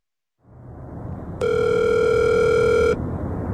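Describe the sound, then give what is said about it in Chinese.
A single sustained telephone ringback tone on a call that cannot be connected, a steady electronic beep lasting about a second and a half, sounding over a constant background hiss of line noise. “您好，您拨打的电话暂时无法接通，请稍后再拨。”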